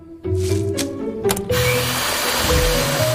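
A motorized grinder whirs into action with a steady humming drone, then shifts to a harsher, louder, gritty roar as it churns malt into a paste for making maltose (malt sugar). No one speaks.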